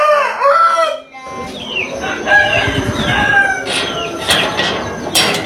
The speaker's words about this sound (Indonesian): Pagi itu di Dusun Trebungan, Desa Lentang Barat, Kecamatan Lentang Sumenep, udara sejuk menyelimuti. Burung-burung berkicau dari dahan pohon. Sinar matahari perlahan menembus sela-sela dedaunan. Suara koko ayam bersahutan.